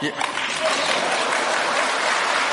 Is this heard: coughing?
no